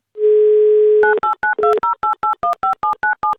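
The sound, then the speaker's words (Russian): A steady telephone dial tone hums for about a second, then a rapid series of about a dozen short two-pitched beeps follows as a listener's number is dialed on a keypad for a radio call-in game, with no one talking. “Давайте узнаем у него лично, наберем его номер.”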